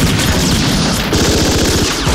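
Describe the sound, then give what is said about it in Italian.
Sustained gunfire from a shootout with the police, with rapid overlapping bursts of shots crackling in a dense, loud, continuous volley with no voices. “Ora vi faremo vedere com'è facile e divertente ingaggiare uno scontro a fuoco con le forze dell'ordine.”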